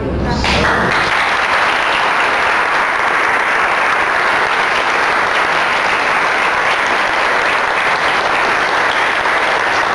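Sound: audience applause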